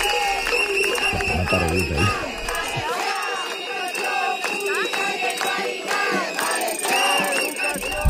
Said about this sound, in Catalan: i a les portes de la conselleria s'han tornat a concentrar centenars de manifestants.